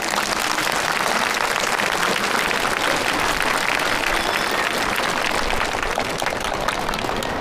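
Sustained applause from an audience at a speech contest, welcoming the next contestant, a pupil of Yanfu Primary School; a dense, steady patter of many hands clapping at an even loudness without letting up.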